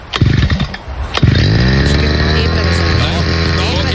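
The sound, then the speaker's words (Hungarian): A brush cutter's small engine sputters through a few quick pull-start attempts at 8 in the morning before a trial cut, then catches and roars into a loud, steady, buzzing idle. “Figyelj, beindítja a videót, vett arra, hogy kell beindítani a fűkaszát, megőrülsz.”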